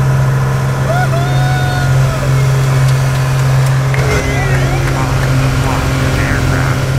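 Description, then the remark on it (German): A loud, steady engine drone fills a small airplane cabin during a sightseeing flight high in the air with three passengers aboard, a deep constant hum with a rattling edge, while faint muffled voices come and go beneath it. “So hat es heute in einem kleinen Flugzeug in der Luft hoch über die Grenzen getönt.”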